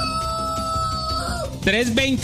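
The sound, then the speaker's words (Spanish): A rooster crows loudly, a single strained, wavering call that bursts in near the end over a steady background of tones, played at 5 a.m. on Olímpica Estéreo's morning show in Bogotá. “Mientras mi gallo canta, ustedes están conectados con Olímpica”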